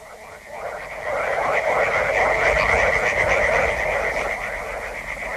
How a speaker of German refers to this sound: Die Frösche in den Altwässern, sie sind so laut, dass ich dich nicht höre. Sie sollten noch lauter sein.